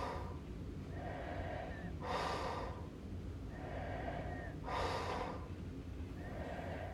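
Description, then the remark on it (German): Soft, borderline snoring: slow, rhythmic sleeping breaths with a faint hiss and slight whistle, two noisier inhales standing out over about seven seconds, quiet with no talking. “Dies ist ein Grenzfall von Schnarchen, denn das vollklingende, im Schlaf erzeugte Schnorcheln, Krächzen, Schaben oder Würgen ist hier sehr schlecht ausgeprägt.”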